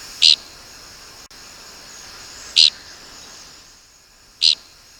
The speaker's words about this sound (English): We birders mostly find dickcissels by their distinctive flight call, which is invariably described as flatulent. You be the judge.